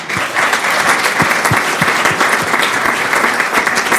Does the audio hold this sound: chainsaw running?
no